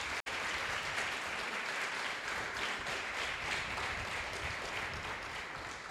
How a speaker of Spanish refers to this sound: Denle un fuerte aplauso al que todo lo puede.